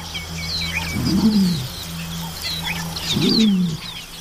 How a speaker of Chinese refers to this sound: 这是一只约九周大的鹿鹰雏鸟。